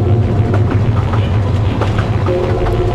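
A train rolls by loud, its heavy low rumble steady throughout, with irregular metallic clicks of wheels over rail joints and a faint tonal whine rising near the end. No voices.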